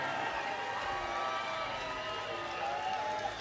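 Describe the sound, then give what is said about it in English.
A concert crowd cheers and whoops steadily for a member of the band's touring crew, a dense wash of voices with scattered higher shouts and some applause mixed in, holding at a loud, even level throughout. “Justin gets a cheer.”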